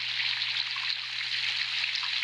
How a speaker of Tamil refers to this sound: இப்ப பாரு, இந்த மழையில குழந்தைங்க எப்படித்தான் தூங்க போகுதோ தெரியல.